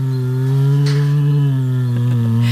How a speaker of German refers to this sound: Summt gemütlich vor sich hin, ne? Ist aber ein Kragenbär. Und dieser Kragenbär ist zu Hause im Neunkircher Zoo und darf am Sonntag auch mitfeiern.